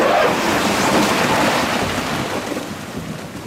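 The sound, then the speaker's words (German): A skip load of stones is tipped into a hole in a small washed-out gorge to build a track, making a loud, continuous crashing rumble full of gritty rattling that fades slightly over a few seconds. “Jetzt kippt er dann gerade diese Mulde voll Steine da in dieses Loch rein, weil man muss ja die Piste bauen durch diese Minischlucht, die hier ausgewaschen worden ist.”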